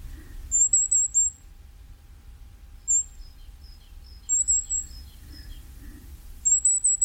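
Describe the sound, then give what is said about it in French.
Thin, very high-pitched trills of a common firecrest, a tiny bird, come in short bursts several times, with fainter high notes between them, against a low background rumble. “Un autre tout petit oiseau, alors vraiment, il faut bien prêter l'oreille pour l'entendre, c'est le roitelet à triple bandeau.”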